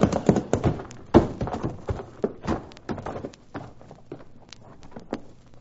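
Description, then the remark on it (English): Horses being urged to go faster clip-clop in a quick, uneven rhythm of sharp knocks, loud at first and thinning out toward the end, with a low steady rumble beneath. “Come on, let's prod up these horses.”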